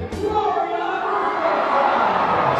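A stadium crowd at an Albuquerque Isotopes baseball game cheers after a dance-off between innings, at the start of the seventh inning: a steady, dense roar of many voices, holding at an even, fairly loud level throughout with no single voice standing out.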